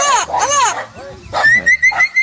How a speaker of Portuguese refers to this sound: Que Deus conceda forças para todos que vivem do campo e solta o som do papagaio boiadeiro. Papagaio boiadeiro aí na tela para vocês que estão ouvindo a programação.